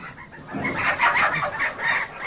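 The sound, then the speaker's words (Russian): Several chickens cluck steadily, a busy overlapping stream of short throaty clucks with no one speaking. “Тут куры какие-то.”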